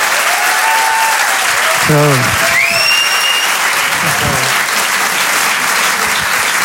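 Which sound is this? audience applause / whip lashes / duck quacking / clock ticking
audience applause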